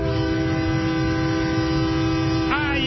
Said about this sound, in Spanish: El pitido de la Máquina